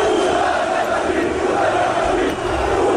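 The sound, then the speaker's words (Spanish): A large crowd of football fans chants and roars continuously as they welcome the Barça team bus, some chanting against Real Madrid. A dense, steady wall of voices with no pauses and constant loudness throughout. “Vale, porque todo esto que están escuchando es el momento del recibimiento al autobús del Barça.”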